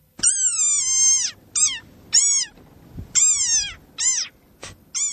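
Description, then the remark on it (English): A desert rain frog gives a series of shrill, squeaky, high-pitched calls, about six in quick succession, some drawn out and some short, fairly loud with no voices over them. “But that is the desert rain frog. Got very high-pitched voice, as you heard”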